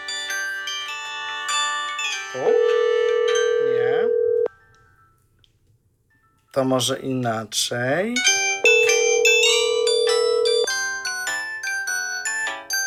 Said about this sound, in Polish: Dzwoni. Dzwoni, tylko teraz gdzie to odebrać?